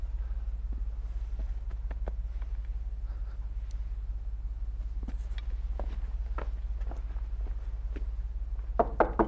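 Soft footsteps shuffle along over a steady low hum, then a quick burst of three firm knocks on the regiment commander's wooden door lands right at the end.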